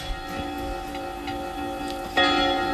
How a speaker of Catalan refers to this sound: A les campanades. Les escampanades.